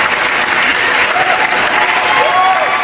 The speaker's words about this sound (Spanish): fuerte el aplauso para mi Gis Beltrán también